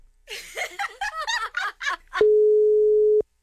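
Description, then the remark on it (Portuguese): A phone's ringing tone sounds once, a steady, clear electronic beep lasting about a second, right after a burst of muffled laughing and voices. “É, deixa eu ver de novo. Pera aí. Atende”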